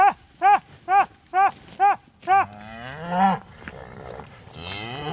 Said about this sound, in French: Et un autre troupeau de vaches, cette fois, vient d'arriver. Ces vaches qui cohabitent avec les bisons.